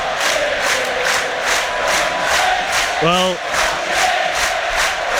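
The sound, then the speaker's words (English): A large stadium crowd at the Gardens roars and cheers continuously, celebrating as Saints win, a dense, steady wash of voices with rhythmic swells, while a man briefly speaks a single word over it midway. “it's party time at the Gardens, as you can hear. It's celebrations, they've begun already.”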